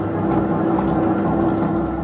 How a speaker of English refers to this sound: The door swung back and forth with the motion of the boat, and I could hear the sound of the engines.